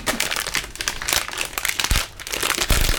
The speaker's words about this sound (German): Knister, knister, knaster, das ist meine Unterhose, die da knistert.